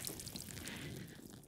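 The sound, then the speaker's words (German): A mini shower, given as a prize, sprays water in a soft, steady hiss that runs continuously for a moment, fairly quiet, with no talking over it. “Eine Mini-Dusche. Das habe ich mir schon immer gewünscht.”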